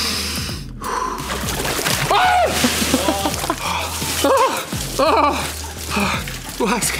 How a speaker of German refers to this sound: Und zwar ganz entspannt in eine Eistonne steigen. Wie hinsetzen? Du musst runter mit dem ganzen Schulter unter Wasser. Du atmest jetzt einmal tief ein und dann langsam aus und dabei gehst du tief.